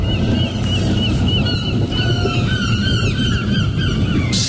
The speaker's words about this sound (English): I like the inclusion of the seagulls in it as well. They sound marginally panicked, don't they? Which you would be if you were a seagull right now in Margate.